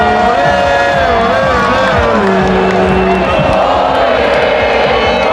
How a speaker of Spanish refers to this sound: Millones de personas que no pararon de cantar, de saltar, celebrando en familia, en pareja o con amigos, gente de todas las edades y con muchos mensajes y peticiones para la selección.